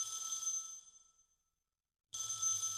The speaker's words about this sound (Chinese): 秦山打来电话